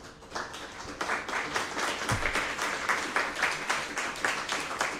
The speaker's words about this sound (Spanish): Pidiéndole un aplauso a alguien de Radio Colomba. Vamos a ver cómo suena el aplauso de Radio Colomba.